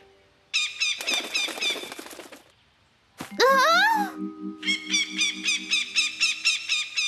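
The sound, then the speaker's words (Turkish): Parrots call loudly in rapid, harsh squawks, broken by a brief pause, then a sweeping rising screech and a steady run of rhythmic, high-pitched chattering calls. “Papağanlar.”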